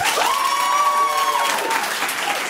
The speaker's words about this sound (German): Hier sitzen 60 Leute, die alle geil sind. Wir hören sie jetzt klatschen.